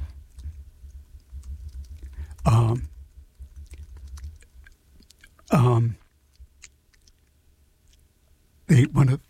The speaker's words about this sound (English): I have to do some emergency emergency maneuvering around here, so I'll talk about something while looking at the computer and... Oh, poobah, I'm not typing very well.